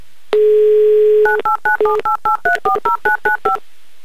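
A steady telephone dial tone hums for about a second, then about a dozen quick, evenly spaced keypad beeps follow as a radio host at Humor FM dials a listener in Simferopol. Loud and clear, with no voices.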